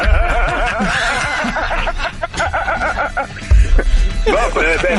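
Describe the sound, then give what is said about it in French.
A goat bleats in quavering, wavering cries, once near the start and again at the end, mixed in with talking voices and a busy background. “Juste une chèvre, dans le fond.”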